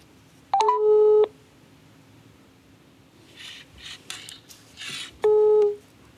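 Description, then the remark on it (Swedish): A phone call is placed to a local company to ask for a donation to the Världens barn fundraiser: a few quick dialing beeps, then two loud, steady electronic ring tones several seconds apart, with faint clicks and rustling in between. No one speaks. “Men först ska vi höra hur det låter när man ringer upp ett lokalt företag och skänker pengar till världens barn.”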